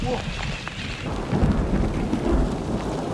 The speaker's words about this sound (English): On est en train de se choper un petit orage.